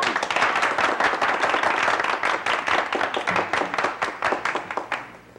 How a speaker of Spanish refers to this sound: Sí, aplaudan.